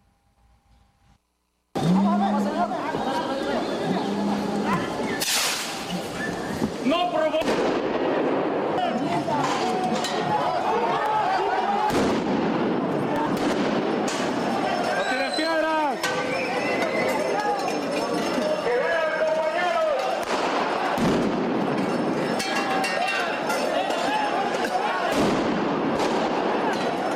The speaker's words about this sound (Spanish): Estalló la violencia en el corazón de la Ciudad de México. Maestros de la CENTE y policías capitalinos se enfrentaron a petardos en la avenida 20 de Noviembre.